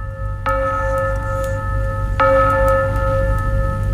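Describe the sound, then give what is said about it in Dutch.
Carillon bells chime twice, each clear strike ringing out into long, layered tones that hang and fade slowly over a steady low rumble, with no voices. “En het klokkenspel erbij.”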